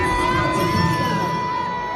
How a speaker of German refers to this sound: Ja, kam nicht gut an, ha? Ja, also da hören wir auf jeden Fall, dass sie ausgebuht wurde und das Video ging dann auch voll viral.